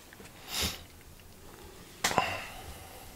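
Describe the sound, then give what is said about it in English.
Two airy breaths with no talking: a soft, hissy inhale swelling and fading early on, then a sharper, louder breath that starts abruptly and trails off over about half a second. “Do you like this sound, like breathing, etc., etc.?”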